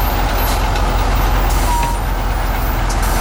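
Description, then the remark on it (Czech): A truck crane's heavy engine drones loud and steady, a dense rumble with hydraulic hiss layered on top as it lifts an unbolted ear part weighing about 100 kg and moves it onto a lorry, with no voices. “Teď ten jeřáb to ucho vzal a přendává ho na to nákladní auto.”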